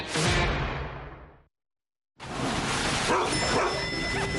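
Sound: dog barking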